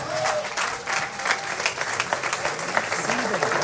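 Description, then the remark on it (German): Steady, dense applause for Franz Breitler from an audience at an event on the Backer Höhe, many hands clapping together in a continuous bright wash of sound that holds at an even level throughout. “Kräftiger Applaus für Franz Breitler.”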